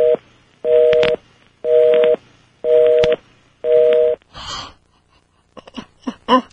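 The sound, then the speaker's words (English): Five steady two-tone telephone beeps repeat in an even rhythm, each about half a second long, as a telephone number is redialed to reestablish a connection, followed by a short breathy burst and a few scattered clicks and crackles. “We're going to have to try again here. Let me try this one more time.”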